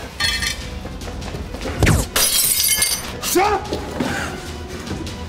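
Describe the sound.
A sharp gunshot bang fired from the house opposite is followed by a loud burst of shattering glass with bright, tinkling fragments, while agitated voices shout before and after the crash.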